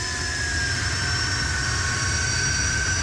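A turbine-powered car roars loudly and continuously as it accelerates under increasing throttle to 140 and then 150 km/h, with a steady high-pitched whine riding over a dense rumbling drone the whole way through.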